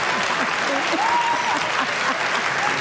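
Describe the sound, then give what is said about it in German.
Steady audience applause fills the space, a dense wash of many hands clapping at once, with faint voices murmuring underneath throughout. “Warum auch immer jetzt Applaus ist, was ist so?”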